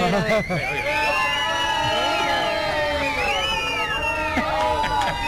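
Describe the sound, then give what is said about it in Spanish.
A large group of adults shouts and cheers together in a dense, continuous roar, with overlapping voices rising and falling throughout, loud. “Esa es una bulla de gente adulta.”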